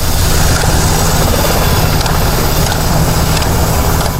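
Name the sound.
helicopter engine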